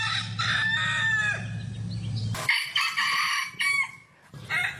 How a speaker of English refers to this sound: Or anyone live a little more rurally, difficult word to say, and that is your alarm clock in the morning. Who loves a rooster? Who hates a rooster? Let me know.